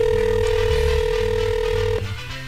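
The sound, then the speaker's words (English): A phone line rings out with a steady, loud electronic ringback tone as radio station 96.7 KCAL calls a contest winner; it holds for about two seconds and then cuts off, leaving a faint hum. Nobody speaks. “Hopefully they answer. It says it like a random phone number, so a lot of times people just ignore it.”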